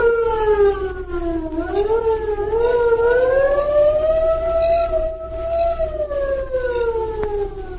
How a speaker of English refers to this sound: There they waited until the distant air raid siren sounded.